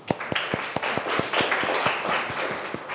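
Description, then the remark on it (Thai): A class of students clapping together for classmates in group 2, a steady burst of applause with distinct repeated claps, continuous for a few seconds, with no talking. “รับผิดชอบกลุ่มที่2นะอ่ะก่อนอื่นปรบมือเพื่อนหน่อยค่ะ”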